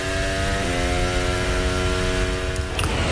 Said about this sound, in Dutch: Zo lekker is dus op dit moment het audioporn wat we horen. Dat betekent, waarom? We horen gewoon Formule 1 auto's racen. We horen geen superclipping, we horen geen coureurs roepen.